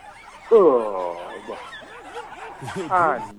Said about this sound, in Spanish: Mientras hay unos perros peleando cerca de él, mire.